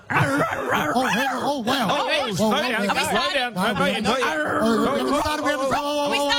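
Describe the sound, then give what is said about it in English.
A contestant dressed in dog ears, a dog nose and dog paws imitates a barking dog with a rapid string of loud yips and arfs, repeating almost nonstop with a bouncy, yelping rhythm. “Oh, let's do a doggy.”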